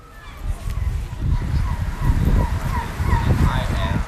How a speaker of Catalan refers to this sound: És el so ambient de Tromsø. És un lloc bastant idíl·lic, ets a dir. Vent, vaixells, gavines, motors... És un lloc que ja està a 350 quilòmetres al nord del cercle àrtic, amb nit polar, amb aurores boreals